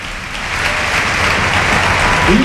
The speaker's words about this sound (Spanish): Se marcha ya muy cansado el autor del gol, Gerard Moreno. Mira la ovación para el capitán.